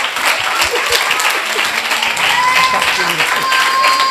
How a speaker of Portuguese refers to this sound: Olha, vamos aplaudir.